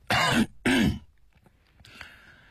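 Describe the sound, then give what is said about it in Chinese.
A man clears his throat with a loud cough in two quick rough bursts, then the sound drops to faint background noise with a soft rustle near the end. “也许因为看不见儿子的表情反应，钱谦益有一点着急，他咳嗽一声，加重了语气。”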